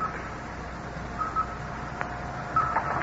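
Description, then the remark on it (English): Short, high electronic blips sound in small pairs over a steady low hum, from a radar screen tracking the returning Satellite 7 as it approaches Earth, the blips speeding up as it comes closer, with a soft click between them. No one speaks. “Listen to the blips on the radar screen.”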